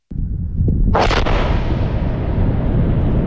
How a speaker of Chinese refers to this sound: 塞北某地腾空而起一团沙尘，随着某型导弹顺利着靶、成功爆炸，火箭军某部某型装备的试验鉴定进入了尾声，搜集到的各项数据指标平稳，任务即将顺利收官。